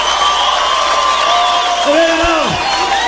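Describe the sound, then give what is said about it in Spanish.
A crowd in Guatemala applauds and cheers at a show in a dense, steady roar, with shrill shouts and whoops rising and sliding down in pitch above the noise. “pasó con los aplausos, Guatemala?”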